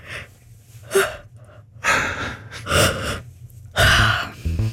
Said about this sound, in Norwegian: Klarer du å fremprovosere et gjesp uten videre? Ja, det tror jeg. Jeg bare trekker ut på kjeven.